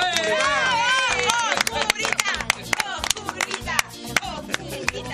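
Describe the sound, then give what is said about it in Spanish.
Applause from a small group in a radio studio welcoming a guest: scattered, irregular claps spread across the whole stretch, with excited voices and whoops at the start fading under the clapping. “le vamos a darle bienvenida con un fuerte aplauso en el estudio mayor de Radio Continental”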